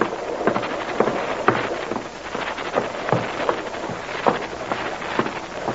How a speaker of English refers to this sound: Haven't any lights, and this is a nasty night. Can't see 50 feet ahead. Wouldn't be so bad if it wasn't raining.